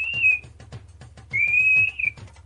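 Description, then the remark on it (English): A person whistles a steady, high-pitched tone in two sustained bursts, a short one then a longer one, imitating the old 2600 hertz phone tone, over faint rhythmic ticking in the background. “Can you whistle 2600?”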